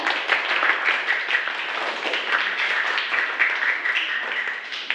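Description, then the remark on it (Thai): A group of students in a class applauds steadily for about five seconds after watching an educational video, a dense, even wash of many hands clapping at once with no voices standing out. “นักเรียนคะเราก็ชมวิดีทัศน์จบไปแล้วนะคะขอบคุณสื่อเพื่อการศึกษาดีๆในครั้งนี้นะคะปรบมือค่ะ”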